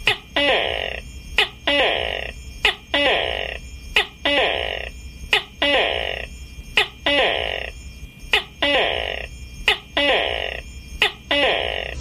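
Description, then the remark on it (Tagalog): A pet tokay gecko calls over and over, each loud two-part croak starting with a sharp click and repeating in a steady rhythm about once a second. “Kaya ato nang hapo-hapon ang atong binuhi nga tuko.”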